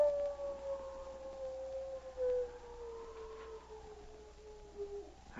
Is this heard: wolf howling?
yes